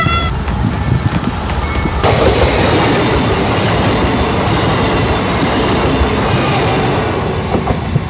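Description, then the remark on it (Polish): A train rumbles past at a railway level crossing in Katowice, Poland, during a railway crossing safety campaign: a loud, steady roar with rhythmic wheel clatter. A faint warning tone rings briefly at the start before the passing cars swamp it. “Akcję w ramach kampanii Z bliska przy przejeździe kolejowym w Katowicach obserwował nasz reporter”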